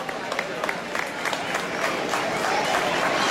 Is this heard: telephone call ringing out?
no